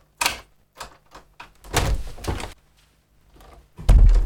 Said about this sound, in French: Alors, lui qui avait ordonné à des milliers d'hommes de marcher vers la mort, vaincu par les larmes d'une femme et de ses deux enfants, il ouvrit grand sa porte.